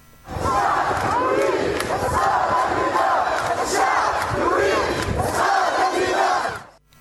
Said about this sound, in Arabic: تظاهر نحو 2500 شخص ضد منظومة الحكم وتردي الظروف المعيشية على حد وصفهم، وصف المحتجين، خاصة مع تزايد انقطاعات الكهرباء والمياه في ظل ارتفاع درجات الحرارة، ما فاقم من معاناة المواطنين. دعنا نستمع إلى مقطع صوتي من أحد الفيديوهات التي رصدت احتجاجات تونس.